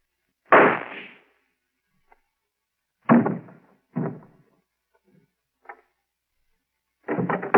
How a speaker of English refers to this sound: I heard a shot. What happened? Oh, I see. How'd you shoot him? There's no gun in your hand, Professor.